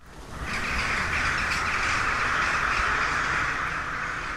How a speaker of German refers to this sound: Draußen schwirren im Schlossgarten die Krähen und stimmen auf ihre Weise in das Konzert im Husumer Schloss ein.